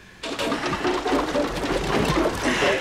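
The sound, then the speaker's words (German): Water sloshes and gurgles as it drains out of a boat into the central bilge, a steady rushing splash that starts after a brief pause and continues without letup. “Jetzt muss es aus dem Boot. Das Wasser muss raus. Erst in die zentrale Bilsch und dann raus.”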